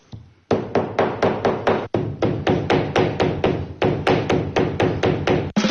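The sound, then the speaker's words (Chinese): A hammer pounds flowers and leaves to extract plant colours for handbags, in a steady, quick rhythm: dozens of dull thuds, about two or three a second, with a brief pause partway through and no voices. “他们用锤子砸花草树叶，是为了给包包寻找新的配色。”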